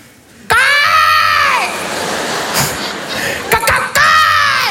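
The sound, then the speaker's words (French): A person lets out a long, harsh, strained screech like an agitated cockatoo, improvised as a frightening cry at an approaching animal, loud, then a second shrill cry after a brief noisy pause. “Une sorte de cacatoès s'énerver, tu vois, une sorte de pélican caïra un peu.”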